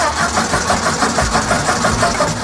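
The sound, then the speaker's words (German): The engine of the world's first petrol-powered car, built by Benz, sputters to life and settles into a loud, rhythmic chugging idle with a steady mechanical clatter and no voices. “Ersten benzinbetriebenen Wagen der Welt gebaut.”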